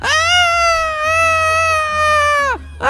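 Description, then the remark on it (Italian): A person's voice imitates a seagull cry for the winner: one long, loud, nasal wail held at a steady high pitch for over two seconds, dropping sharply at the end, with a second cry just starting. “Quindi facciamo un grande grido del gabbiano per la nostra vincitrice.”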